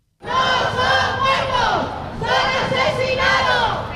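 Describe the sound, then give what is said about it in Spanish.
At the gates of the Congress, a crowd of protesters from associations of victims and those affected by the DANA chants "asesino" (murderer) at Carlos Mazón over and over, loud and unified, with voices rising and falling in a steady rhythmic cadence for the whole stretch. “A les portes del Congreso, tres associacions de víctimes i afectats per la DANA han exigit responsabilitats a Carlos Mazón, així com su ingreso en la cárcel al grito de asesino.”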